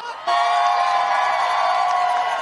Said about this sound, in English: The crowd is electric over here. Make some noise.